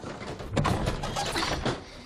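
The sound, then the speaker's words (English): A stuck antique wooden drawer, damp after a storm, scrapes and rattles as someone tugs at it in short jerks, the grinding friction loud, with a few sharper jolts along the way. “The drawer is stuck. It needs to dry out.”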